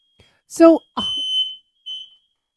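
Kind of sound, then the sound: household object, smoke alarm going off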